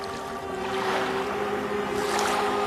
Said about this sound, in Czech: Podívej, jak voda stoupá.